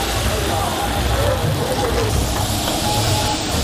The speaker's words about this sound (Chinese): 你看他那个长条胳膊， 这叫香，他的要起锅喽，锅要甩。